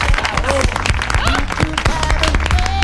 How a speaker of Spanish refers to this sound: Fuerte el aplauso